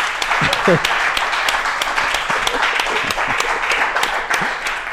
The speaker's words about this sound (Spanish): Y es que aquí están acompañándonos muchos de ellos. Por favor, un fuerte aplauso para todos ustedes.